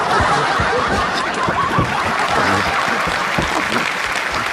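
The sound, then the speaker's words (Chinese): Loud, sustained applause from an audience for a performing duo, a dense crackle of many clapping hands that holds steady throughout, with scattered laughter and chuckles mixed in. “谢谢大家的掌声，你们掌声，我俩真有劲儿”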